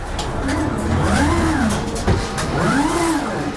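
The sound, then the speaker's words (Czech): AutoStore warehouse robots glide at roughly running speed over an aluminium storage grid above plastic bins stacked in columns up to 6 metres high in a large warehouse hall, their electric motors whining up and down in pitch in two smooth sweeps over a steady bed of mechanical hum and rattling. “Nad nimi jezdí jako věž na šachovnici zhruba rychlostí běhu roboti.”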